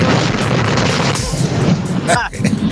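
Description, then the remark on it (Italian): A loud explosion: a sustained, roaring blast of dense rumbling noise with a heavy low end, and a brief whistling, warbling sweep as it fades near the end. “E cosa hai fatto? È esploso? Gli è esploso il camion?”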